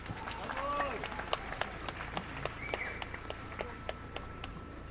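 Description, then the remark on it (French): An audience at a march for Alassane in France applauds as Assa Traoré is introduced to speak, with steady, scattered sharp claps over a murmuring crowd, while indistinct voices and a few brief calls rise through the clapping. “va passer la parole à la grande dame Assa Traoré qui va prendre la parole. Applaudissez.”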